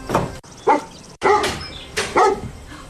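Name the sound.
dog barking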